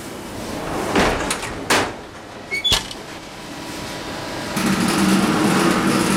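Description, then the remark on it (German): Baguettes are loaded into a bakery oven and steam is injected so they brown, shine and rise: a few clunks and knocks of loading, then a steady, broad hissing rush that starts suddenly and continues to the end. No one speaks. “Das war jetzt die Beschwadung, also Dampf, damit das Baguette schöne Farbe bekommt und glänzt, schön glänzt.”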